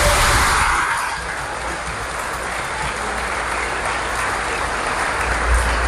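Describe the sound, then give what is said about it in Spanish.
An audience at a Fiesta 94.5 Delicias radio broadcast in Chihuahua, Mexico, applauds the stations following the show, a dense wash of clapping that stays loud and even for several seconds, with no voices over it. “Un aplauso a las redes donde nos siguen.”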